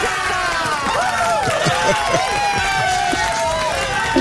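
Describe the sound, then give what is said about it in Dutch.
A steady wash of crowd applause and cheering for a quiz contestant who gave a correct answer, dense and fairly loud throughout, with rising and falling whoops and voices riding over the continuous clapping. “Wil je ook applaus?”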